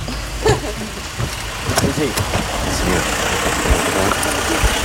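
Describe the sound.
A car engine hums steadily throughout, a constant low rumble from inside the moving vehicle during a drive on which the driver gives a briefing, with brief indistinct voices rising over it partway through.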